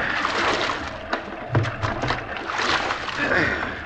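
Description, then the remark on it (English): Oars rowing a boat through water as two people share the oars: a few splashy strokes dip and pull at an uneven rhythm over a steady wash of moving water. “We can both do it. Take the right oar”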